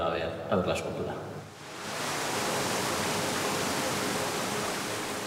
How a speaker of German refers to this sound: Um das Meer auch zu hören, simuliert hochgepumptes Wasser die Brandung der baskischen Küste.